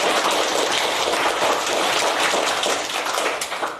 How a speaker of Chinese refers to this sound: 好，将掌声送给飞飞队的小组。